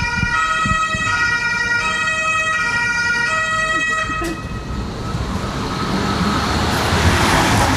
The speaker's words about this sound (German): Und dann, ich warte mal ganz kurz das Auto ab.